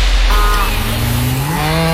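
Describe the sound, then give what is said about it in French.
A dairy cow lets out one long, loud, low moo that swells and slides upward in pitch near the end, with no voices over it; the cow gives Alsace pasture milk for Alsace-Lait. “Ça, c'est un bruit qu'on connaît bien chez Alsace-Lait. Une vache, oui, qui donne du bon lait de pâturage d'Alsace et qu'on retrouve dans notre beurre extra fin ou notre fromage frais nature et à l'ail et fines herbes.”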